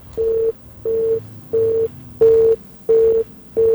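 A telephone busy tone after a listener's call on a regular phone line disconnects: steady, evenly spaced beeps at a single pitch, about six short pulses with brief gaps, fairly loud, with no voices.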